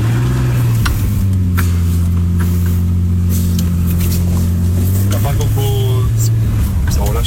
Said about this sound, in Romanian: E mașină. A? Asta e mașină, frate.